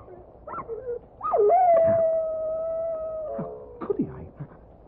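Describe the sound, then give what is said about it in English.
A dog, getting up after being hit by a car, gives a long, sustained howl that rises, holds steady and then trails off, bracketed by a few short yelping whines, loud over a low background rumble. “the dog. God, he's getting up.”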